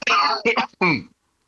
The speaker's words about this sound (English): I mean, sorry, I'm going to have a quick cough.